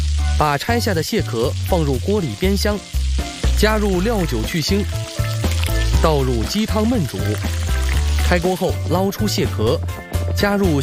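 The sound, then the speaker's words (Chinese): Scallion and ginger are added to hot oil in a pot and sizzle, a steady crackling hiss running the whole time beneath a continuous voice speaking and low, sustained musical tones. “锅内加油，下入葱姜。”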